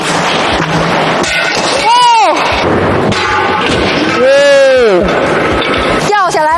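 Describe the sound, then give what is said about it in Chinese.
Window glass crashes loose and shatters in a series of loud, harsh bursts during a destructive test of a window fitted with open-type glazing beads, with people crying out in rising-and-falling exclamations between the impacts. “不仅玻璃掉了，玻璃还碎了，这如果掉下去真的是非常的危险。”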